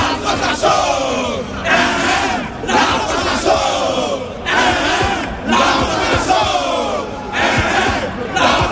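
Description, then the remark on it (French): A large crowd of Ivory Coast football supporters roars and chants in the stands of the Charletti stadium at a friendly match against France, the loud massed voices rising and falling in repeated surging waves with brief dips between them. “Dans les tribunes du stade Charletti, personne n'a pronostiqué autre chose qu'une victoire des éléphants pour ce match amical contre la France.”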